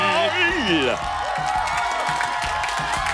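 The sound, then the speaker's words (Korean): A studio audience cheers and applauds loudly, with high rising whoops at the start giving way to a dense, steady roar of clapping and shouting that carries on throughout. “방청객이 환호와 우리 박수 소리가 들리죠.”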